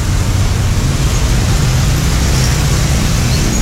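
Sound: road traffic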